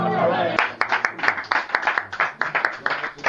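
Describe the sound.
A voice trails off, then an audience breaks into applause: many overlapping hand claps in a loud, steady, uneven patter lasting a few seconds.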